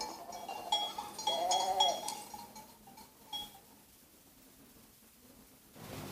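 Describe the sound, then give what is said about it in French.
A sheep in Bartrès bleats with a shaky, wavering cry, fairly loud, then the bleating fades into a quiet outdoor background with a faint rustle near the end. “Mais les moutons mangent, même le jeudi, le jour du catéchisme, et la nourrice ne laisse pas aller Bernadette.”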